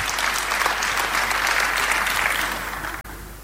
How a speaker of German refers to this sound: Dein Applaus. Vielen Dank.